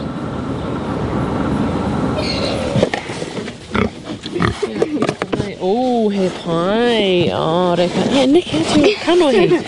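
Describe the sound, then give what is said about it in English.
A pig eats food scraps at Te Kura Kaupapa Māori o Te Rito, a Māori immersion school in Ōtaki, with steady noisy munching, then sharp snuffling crunches and bursts of wavering, high-pitched grunts and squeals, with voices mixed in. “The happy pig getting scraps at Te Kura Kaupapa Māori o Te Rito, a Māori immersion school in Ōtaki.”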